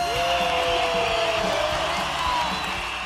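Sustained audience applause, a dense, steady wash of clapping holding at a fairly constant loudness for about three seconds, with faint crowd murmur mixed in.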